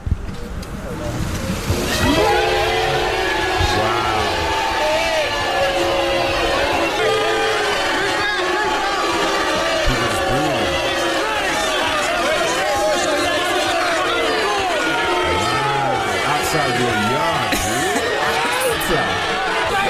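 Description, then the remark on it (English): A crowd of about 1,000 people outside a man's house, the day after a referendum was announced, fills the scene with a dense, continuous roar of overlapping voices and shouts, swelling up after a brief quieter opening and staying loud and steady throughout. “It was like about 1,000 people outside man's house, and then this.”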